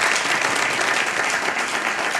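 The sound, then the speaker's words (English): A steady wash of applause and cheering from a large concert audience at Zoomer Hall after Pablo Fernandez plays the prelude of Bach's first suite, dense and even in loudness, with a broad crackling texture of many hands clapping at once and no pauses. “The music of Bach, the first suite, we heard the prelude, of course, and everybody cheers for that one, of course, so familiar.”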